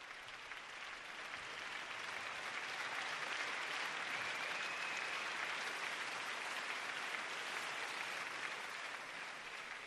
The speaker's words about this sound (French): Les applaudissements me rendent toujours très nerveuse.